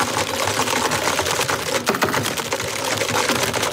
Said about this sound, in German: Dieses Bürothema setzt er nun fort. Der Konkurrenzkampf. Wer tippt heftiger in die Tastatur?